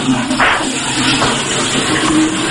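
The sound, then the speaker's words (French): A toilet at the Fun Radio studios is flushed with a loud, steady rush of gushing water that fills the whole stretch, swelling briefly near the start and then churning on without pause. “Je tire la chasse.”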